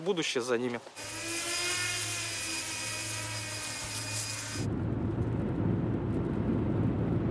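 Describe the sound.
A steady electric whine with a high tonal hum, a work drone's rotors buzzing in flight while its controls are tried out, runs for several seconds after a brief voice, then gives way to rough low rumbling noise.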